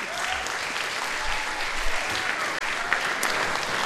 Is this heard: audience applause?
yes